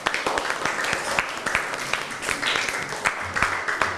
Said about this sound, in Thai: จัดทุกปีขอเสียงปรบมือให้เพื่อนหน่อยครับ